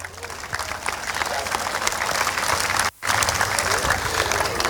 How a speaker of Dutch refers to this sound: Maar dat kan niet zonder onze sponsors en zonder de gemeente Capelle aan de IJssel. Dus graag een applaus voor hen.